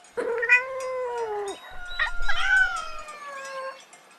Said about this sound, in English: Cat. This is a cat. Cat. What does a cat say?